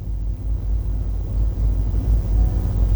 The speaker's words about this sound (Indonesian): Dapat kita saksikan bersama situasi arus lalu lintas di simpang 4 traffic light Gatot Subroto Dalam terpantau lancar di semua arahnya, baik dari arah Jalan Petran menuju Jalan Sungai Lulut maupun sebaliknya